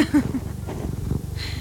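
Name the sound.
cat purring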